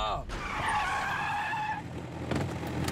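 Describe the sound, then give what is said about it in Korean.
A truck skids to a stop with a loud tire screech lasting over a second, which fades into rumbling road noise and a few sharp knocks. “트럭을 멈춰라!”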